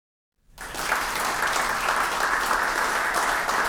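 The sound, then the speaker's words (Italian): Audience applause starts abruptly after a half-second of silence and swells into steady, dense clapping from a sizable crowd, holding at an even level to the end. “Il vero applauso con l'assessore era per la panda 4x4 che era perfetta per la location nella quale si trovava”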